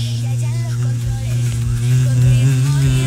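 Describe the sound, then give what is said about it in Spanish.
A low, droning buzz like a bumblebee hovering, steady and fairly loud for about three seconds, its pitch wavering slightly. “Y eso parece más un abejorro que una abeja.”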